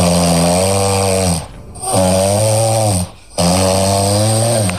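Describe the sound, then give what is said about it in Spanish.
A woman snores loudly, recorded by her husband, three long rasping breaths in a steady rhythm with brief quiet pauses between them, no talking. “La que ronca es su mujer grabada por él mismo.”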